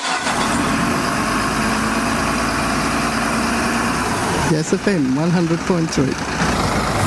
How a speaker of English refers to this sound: There we go. There are our trucks